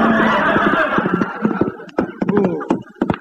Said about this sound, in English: He sure is a stubborn horse.